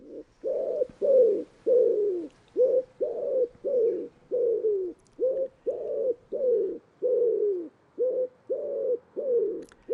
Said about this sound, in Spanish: Y en este paisaje abierto aparecen ahora las palomas torcaces, nombre científico Columba palumbus.